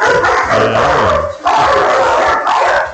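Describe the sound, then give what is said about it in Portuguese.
A person on a radio show barks and yips like a dog for Friday's 'day of barking', loud, in a continuous stretch of throaty imitation with a brief pause in the middle. “Hoje é dia de latir, ué.”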